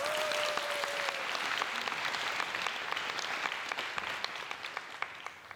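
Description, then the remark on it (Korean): An audience at a live stage show claps steadily to welcome the next act, a dense wash of many hands that gradually thins, with scattered louder individual claps standing out toward the end. A brief high tone sounds at the start. “큰 박수로 청해 듣겠습니다.”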